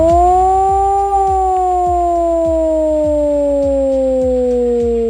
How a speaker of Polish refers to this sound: W całym kraju można dziś usłyszeć wycie syren alarmowych. To w ramach ćwiczeń Alarm 26. Do godziny 19 uruchamiane będą syreny, których sygnał brzmi właśnie w ten sposób.